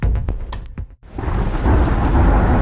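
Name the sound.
rain with rolling thunder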